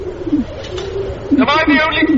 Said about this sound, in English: What? Why are you cooing? You're all bloody cooing.